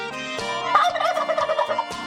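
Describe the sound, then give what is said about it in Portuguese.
Turkeys gobble in a dense, rapid warbling chorus as they are being fed, several birds overlapping in bursts that rise and fall, fairly loud with no talking. “Também dê comida aos peru, rapaz, vem aí.”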